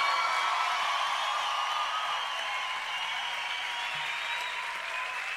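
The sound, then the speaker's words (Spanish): An audience applauds continuously for a man, a dense, steady wash of many hands clapping at even loudness for the whole stretch, with no voices standing out above it. “Si ese aplauso para él, tiene que dárselo mucho más fuerte.”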